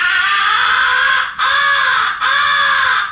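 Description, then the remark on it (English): Three long, harsh, nasal caw-like blasts blown on a crow call as the recognition call, used when crows are coming to a blind, each held about a second with brief gaps between, loud, imitating a crow's pleading cry. “After the crows have turned and are coming to your blind, switch to the second essential call, the recognition call.”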